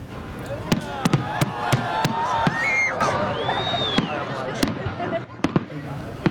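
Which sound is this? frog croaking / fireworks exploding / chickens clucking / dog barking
fireworks exploding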